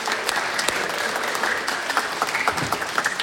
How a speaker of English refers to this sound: So give them a big round of applause over here by the door.